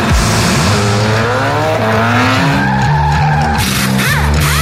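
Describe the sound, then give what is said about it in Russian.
A car engine revs hard and loud, its pitch climbing and shifting, while tires squeal sharply over it, with a few rapid gear-like surges near the end. No one speaks. “Чувствуешь, как машина просит скорости?”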